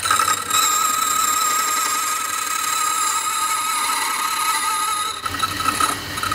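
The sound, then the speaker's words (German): A key duplicating machine cutting a spare key from a blank as a stylus traces the original key and transfers the movement to the other side, a loud, steady whine with a harsh grinding rasp that runs continuously for about six seconds, briefly dipping near the end. No one speaks. “Ich gehe mit dem Taster über den Schlüssel und die Bewegung wird genau auf die andere Seite übertragen. Es wird laut.”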